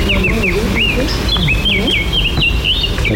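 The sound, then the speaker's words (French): A warbler sings a steady run of quick, high chirping notes, repeated every fraction of a second over a low rumble, with a murmuring voice faintly underneath. “C'est encore une fauvette à tout ça.”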